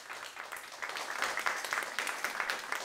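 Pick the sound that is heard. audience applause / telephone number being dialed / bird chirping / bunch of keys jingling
audience applause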